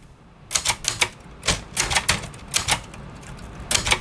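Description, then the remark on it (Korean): Sharp clacks of the keys of a Korean four-set (nebeolsik) analog typewriter made about 50 years ago, in a bookshop, strike in quick, uneven bursts, about a dozen bright mechanical hits with brief pauses between, fairly loud and with no voices. “여기에 타각타각 울리는 아날로그 타자기 소리까지 더해져서 책을 읽는 것은 물론이고 책을 만나는 과정까지 특별한 추억으로 만들어주는 공간입니다.”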